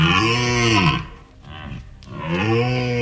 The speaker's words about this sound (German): Aber den Ton, den ihr im Hintergrund hattet, das war ein Hirschebrüllen.